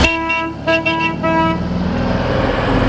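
A car horn honks three times in quick succession, then the engine of an old car with no electronics rumbles on loudly, with no one speaking.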